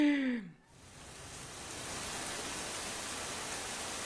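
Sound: rain falling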